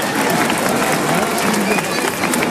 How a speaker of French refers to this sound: Avant que vous partiez, je vais vous demander un tonnerre d'applaudissements pour tous les bénévoles, s'il vous plaît.